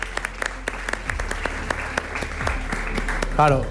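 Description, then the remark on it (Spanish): An audience breaks into steady applause for a volunteer called up to help the performer, many hands clapping in a dense, sustained patter, with a voice briefly rising over it near the end. “Un aplauso.”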